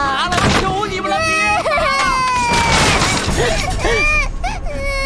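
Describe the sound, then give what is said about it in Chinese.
Things crash and shatter as a stall is smashed, bursts of breaking over a woman's loud, sobbing, pleading voice that carries on throughout. “求求你们了，别砸了，好不好？”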